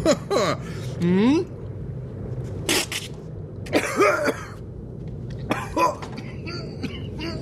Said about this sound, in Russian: Бизнесмен попытался повторить, поперхнулся и долго кашлял.